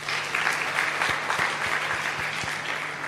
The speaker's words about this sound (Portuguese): De uma salva de palmas.